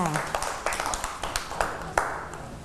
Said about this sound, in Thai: เก่งมากๆเลยค่ะเด็กๆปรบมือให้